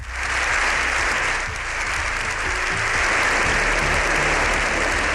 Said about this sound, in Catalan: un dia més pendent de la visita del Papa després de la jornada d'ahir ben intensa, quan, recordam, va pronunciar el seu discurs al Congrés dels Diputats, una ovació que va resultar ser històrica de més de 7 minuts.